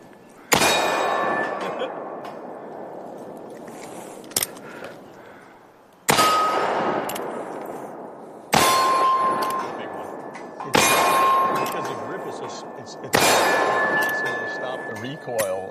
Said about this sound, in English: I mean, this is full-on, like, Dirty Harry right here. Did I fire 5 rounds or 6?